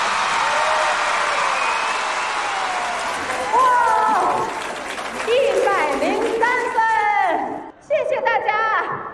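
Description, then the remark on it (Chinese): A crowd claps steadily throughout while excited shouts and whoops rise over the applause for the 梦马队 team's first-round 逐梦少年 modern equestrian performance in a competition, growing louder and more energetic in the second half before a brief dip and a final burst. “好，来，喜欢我们梦马队第一轮逐梦少年现代马术的，准备好你们的掌声、呐喊声，来，一、二、三，走！”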